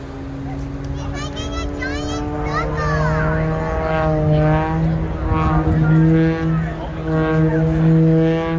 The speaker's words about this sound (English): when the airplane is tumbling end over end, the propeller makes that very distinctive sound